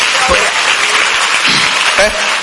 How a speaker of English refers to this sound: Clap for Jesus.